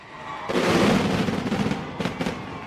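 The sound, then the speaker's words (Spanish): A traca, a string of firecrackers, goes off in a rapid, crackling barrage that starts abruptly and keeps popping loudly, with a few sharper bursts toward the end. “¡Ahí someréis una traca!”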